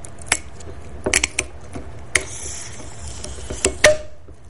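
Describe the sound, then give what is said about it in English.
Plastic creaks and ratchety clicks as a cap on the plastic cork of a bottle of André Brut, a cheap California sparkling wine carbonated in vats before bottling, is twisted, then a steady airy hiss of escaping gas, ending in a short louder release. No one speaks. “I'm twisting a cap on a plastic cork.”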